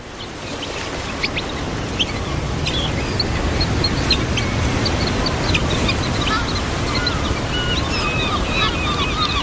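Seabirds call repeatedly in short, high chirps and squeaks, scattered over a steady roar of surf and wind along the North Sea coast of Belgium, with no one speaking.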